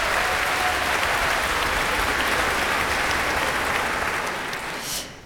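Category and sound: crowd, audience applause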